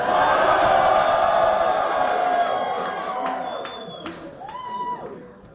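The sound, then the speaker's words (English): On election night, a large crowd cheers and shouts outside the Daria Lisa Chevalier party in Manhattan, where Zohran Mamdani is celebrating, in a loud, continuous roar, with scattered whoops and whistles rising above the din before the noise gradually thins out toward the end. “Now, here is Zohran Mamdani celebrating outside of the Daria Lisa Chevalier party in Manhattan.”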